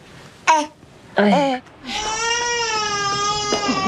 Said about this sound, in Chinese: 哭什么呢？是不是宝宝又饿了呀？ 饿了呀！哎，不不，好了好了，不哭不哭， 好了好了， 哭成这样，好了好了，不哭不哭不哭，哎呦，好了，知道你饿了啊，好宝宝。